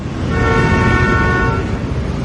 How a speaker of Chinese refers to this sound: 乱鸣笛是不文明的行为。